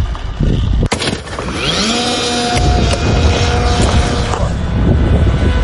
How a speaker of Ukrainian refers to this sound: А починається все у чистому полі. Група аеророзвідки зі спеціальної катапульти запускає ось цього дрона.